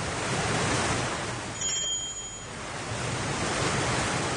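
Stormy sea waves and strong gusty wind on an evening at sea, with a ship rocking on the waves, make a loud, continuous hissing roar that dips briefly midway before surging back, with a faint high ringing tone passing through. No voices.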